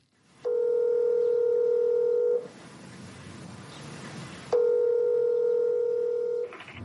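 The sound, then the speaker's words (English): Two long, steady telephone tones, each about two seconds, with a hissy line-noise gap between them, as a call from Cusco, Peru, is placed to the Walt Disney Company. The tones are loud, even and mid-pitched, with no voices. “Thank you for calling the Walt Disney Company.”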